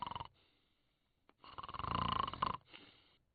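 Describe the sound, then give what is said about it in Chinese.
A person imitates loud snoring with the voice, the snoring of someone sleeping inside a temple: a short snort, a pause, then one long, rasping snore that swells and breaks off, with a faint trailing breath. It is on its own. “可是突然之间，就听里边传出了打呼噜的声音。”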